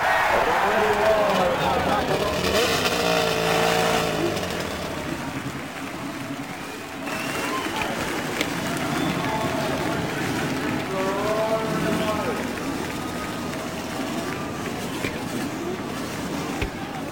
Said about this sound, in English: And the roar of over 25,000 horsepower builds from the main straightaway. The crews begin to move away. The men actually remaining with their cars, raising their hands to indicate that they are started.